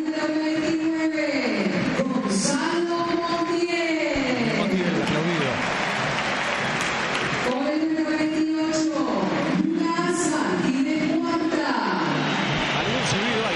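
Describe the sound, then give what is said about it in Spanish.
A large crowd at River Plate's stadium whistles loudly and continuously, with piercing rising and falling tones over a dense roar of applause and crowd noise, as the River Plate starting lineup is announced. The whistling swells in waves throughout, overpowering the applause. “Sí, sí, los silbidos terminan ganándole a los aplausos.”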